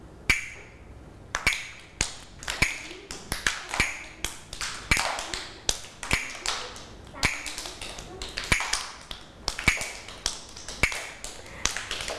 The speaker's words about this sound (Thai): เด็กๆคะจังหวะนี้คือจังหวะอะไรคะจังหวะช้าถูกต้องเลยถ้าเด็กๆได้ยินจังหวะช้าเด็กๆก็ต้องเคลื่อนไหวแบบช้าช้า